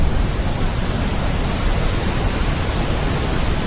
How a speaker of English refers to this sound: Brown noise to me is more, the closest thing to it is when you're inside in an airplane and you're in flight already and it's that kind of, it's there.